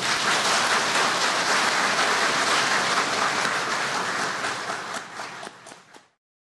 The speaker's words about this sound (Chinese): 我们现在鼓掌。